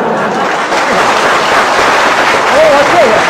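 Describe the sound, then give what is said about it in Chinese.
A steady wash of audience applause at a Chinese crosstalk (xiangsheng) comedy performance fills the whole stretch, dense and loud without pause, while a voice calls out briefly over the clapping near the end. “你要是再不唱，你是不是嫌大伙掌声不热烈呀？”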